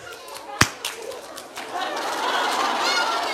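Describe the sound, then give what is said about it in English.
One sharp, loud hand clap rings out, followed by a couple of much softer taps, while a steady murmur of chatter and chirpy background noise builds beneath. “I'm going to give you a clap. You are so good. Wait, wait. Ready for a clap?”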